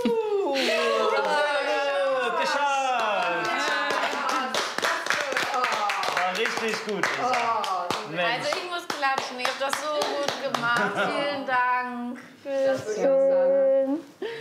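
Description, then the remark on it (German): Quick, steady hand clapping goes on for several seconds, mixed with lively, excited voices talking and a little laughter over the applause. “Oh, also ich muss klatschen, ich hab das so gut gemacht.”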